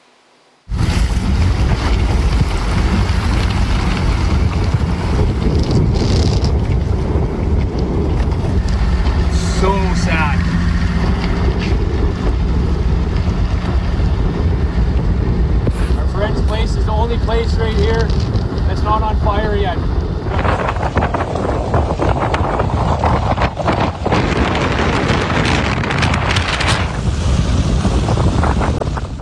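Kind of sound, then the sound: nature, strong wind gusts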